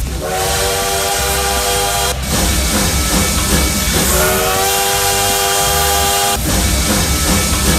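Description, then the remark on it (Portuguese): A bullet-train sound effect on Rádio Paz FM: two loud, sustained whistle blasts ring out over a constant heavy rumble and hiss of rolling cars, loud throughout, with no voices. “Recadinho chegando aqui, recadinho chegando de trem bala.”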